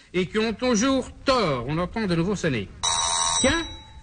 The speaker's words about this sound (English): Experience shows that when the doorbell rings, there's never anyone there.